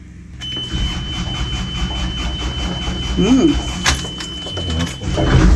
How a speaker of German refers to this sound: Also, wir haben hier den Gashebel. Der hat hier den Leerlaufschalter. Und dann schieben wir den Gashebel erstmal im Leerlauf nach vorne, starten den Motor, ein bisschen auf Vorglühen.